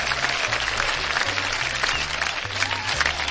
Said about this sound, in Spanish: Aquí en la República Mexicana, para las personas que nos hacen el favor de escucharnos fuera del país, o los que, los que nos escuchan fuera del país son compatriotas, un aplauso para las compatriotas.